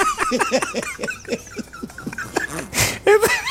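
A dog whimpers in a string of short, high, whiny cries with a few yips, pausing briefly before a sharp breathy huff near the end and a couple more whines.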